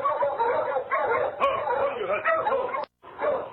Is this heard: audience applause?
no